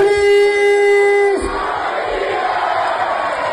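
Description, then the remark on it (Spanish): A loud, steady horn blast holds one note for over a second, then gives way to a dense roar of Águilas Fútbol Club fans shouting and chanting together in Águilas, celebrating the club's promotion to Primera Federación. “El Águilas Fútbol Club, ya saben, festejó su ascenso a Primera Federación con su gente”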